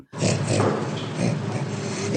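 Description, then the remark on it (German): An orangutan laughs in a steady run of breathy, rasping pants and grunts, fairly loud, each pulse sounding much like the last for about two seconds. “Beim Orang-Utan funktioniert Lachen noch eher gleichförmig.”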